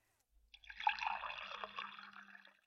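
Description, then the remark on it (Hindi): Water is poured into a vessel for someone to drink, a steady splashing trickle that runs for about two seconds and then tapers off, with no voices. “ला भाई पानी पिला दे।”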